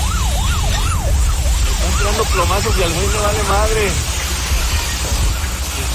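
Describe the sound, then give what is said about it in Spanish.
A police patrol car's siren wails in steady rising-and-falling sweeps as it chases a stolen transport truck, then switches to a faster warbling yelp before fading, heard over a heavy, constant rumble of engine and road noise. “La patrulla lo va persiguiendo.”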